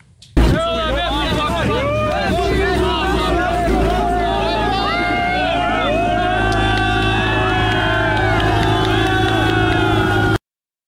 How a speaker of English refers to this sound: At least 1,000 illegal migrants have crossed the channel since Monday. Some are still believed to be in the channel. We think roughly 1,200 will have arrived by the end of play. Here they are today, cheering as they set sail for Britain.